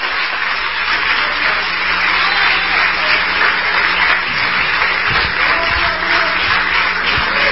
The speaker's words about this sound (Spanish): Un aplauso más fuerte.